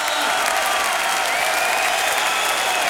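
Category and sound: crowd, enthusiastic crowd applause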